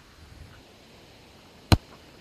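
A football with a microphone on it is kicked once over a grassy hill on a fairway, the first shot toward the hole, giving a single short, sharp thump that stands out clearly against a quiet, steady background, with no voices.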